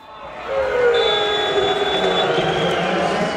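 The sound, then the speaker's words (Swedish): A crowd of just over 4,000 at Guldfågeln Arena roars at Kalmar FF's home football match against BK Häcken, a steady, dense wash of noise, with a few sustained horn-like tones sounding over the din throughout. “Ja, så där lät det när drygt 4 000 i publiken BK Häcken var på besök.”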